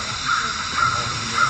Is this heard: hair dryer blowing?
no